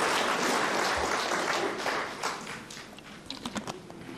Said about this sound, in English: Commendable work. Let's give him another round of applause.